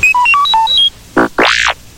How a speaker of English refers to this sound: You can read along with me in your book. You will know it is time to turn the page when you hear R2-D2 beep like this.